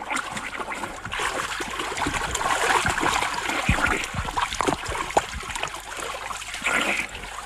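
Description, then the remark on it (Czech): Continuous splashing and sloshing water with irregular bursts as a person swims in a river toward a man fishing from a boat; no voices, a steady moderately loud wash throughout. “Pane Mláři, nezlobte se na mě! Už k vám plavu!”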